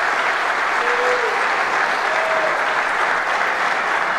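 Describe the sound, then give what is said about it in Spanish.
A large stadium crowd of River fans applauds goalkeeper Franco Armani at his farewell in a steady, dense roar of clapping that holds at an even loudness throughout, with a few faint whistles rising over it. “La gente aplaude...”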